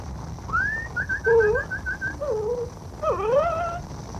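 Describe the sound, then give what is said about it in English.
A dog whimpers in thin, high-pitched whines: a quick run of short yelps, then longer wavering cries rising and falling over a low, rumbling background. “Here, doggy. Here.”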